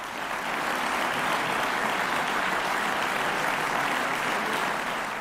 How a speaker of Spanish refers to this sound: Y seguían sonando los aplausos, así que había un bis